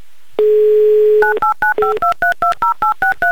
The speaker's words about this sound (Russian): Набран номер телефона Евгении в Пермь.